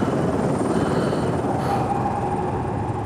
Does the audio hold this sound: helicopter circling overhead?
yes